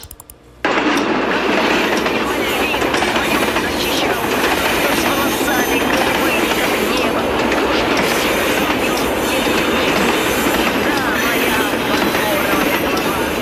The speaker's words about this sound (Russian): Нажала, значит, на запись, а тут поезд.